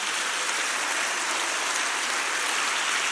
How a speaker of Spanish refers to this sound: Ponga su Biblia, por favor, a un lado por un segundo, o ahí en sus piernas, donde pueda, y regálele un aplauso al Señor, un aplauso fuerte.